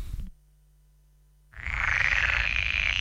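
After a short near-silence, a dense, steady chorus of croaking frogs swells in and continues loudly, a continuous rasping buzz with no voices.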